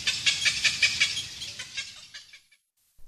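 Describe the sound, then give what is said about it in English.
A cattle egret gives a rapid run of harsh, croaking clucks, loud at first, then trailing off and fading out after a couple of seconds, with no voices present. “So I just love the cattle egret.”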